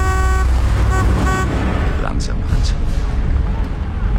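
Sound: car engine running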